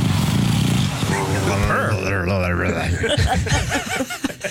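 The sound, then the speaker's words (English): A flat-faced dog makes purring, snorting breathing noises: a steady rattling rumble with wavering, wheezy higher tones, continuous and fairly loud for several seconds. “You know, its face is all smushed in, so these are the noises it makes as it breathes.”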